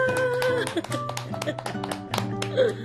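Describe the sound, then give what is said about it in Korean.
Several people clap in quick, uneven bursts, the sharp slaps overlapping with voices talking and exclaiming underneath throughout. “회장님 박수 쳐.”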